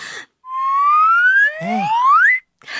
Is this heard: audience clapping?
no